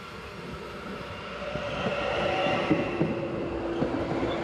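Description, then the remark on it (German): A CAF regional passenger train rumbles steadily along a renewed line toward Ostrog station, able to run up to 100 km/h, with a broad continuous roar, a faint hum, and occasional soft rhythmic clacks from the wheels. No one speaks. “An vielen der Straßenübergänge muss der Regionalzug allerdings anhalten.”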